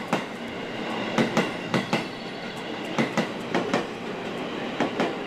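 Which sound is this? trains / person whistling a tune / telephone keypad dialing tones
trains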